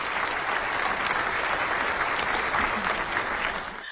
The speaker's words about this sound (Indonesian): Sekali lagi beri tepuk tangan untuk masing-masing regu di babak rebutan ini Bapak Ibu.